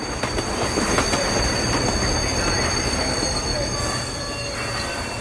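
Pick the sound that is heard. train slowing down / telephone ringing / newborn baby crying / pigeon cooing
train slowing down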